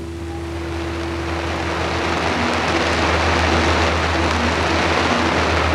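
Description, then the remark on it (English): Heavy monsoon rain pours down on a jungle night in Vietnam in a steady, dense hiss that fills the whole scene without pause, with a low rumbling hum underneath and no voices. “And the other sounds of the monsoon rain pouring down.”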